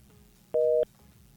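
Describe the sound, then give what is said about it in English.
A single short beep of a telephone busy signal during a failed call, a steady two-pitch electronic tone lasting about a third of a second, loud over a faint low background hum. “Oh, we getting issues with the phone line this morning.”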